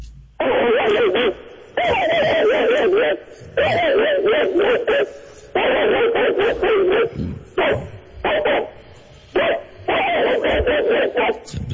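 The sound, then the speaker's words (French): A man's voice imitates an angry mongrel dog, letting out a long run of loud, harsh barks and growls in bursts with short pauses between them, no other talking. “C'est le fameux chien bâtard. Oui, tellement apprécié.”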